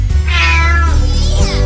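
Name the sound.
cat meowing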